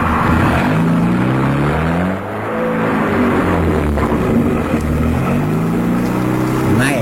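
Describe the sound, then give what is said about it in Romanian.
A car engine hums loudly and steadily, its pitch climbing and dropping in steps as it revs through gear changes, with a faint dip partway through. “Stai, nu mai băga viteza asta.”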